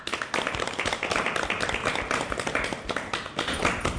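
A group claps to welcome adolescent girls at a programme, a steady, dense burst of applause that runs for several seconds at an even, fairly loud level, with no voices standing out.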